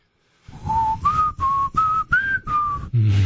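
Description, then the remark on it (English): A person whistles a short TV theme tune: six clear, sustained notes with brief gaps between them, steady and fairly loud, ending with a faint low rumble. “My dog loved it when I whistled that song.”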